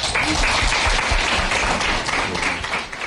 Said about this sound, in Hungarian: Köszönöm szépen a beszélgetést, Püspök atya. Köszönjük meg egy nagy tapsal.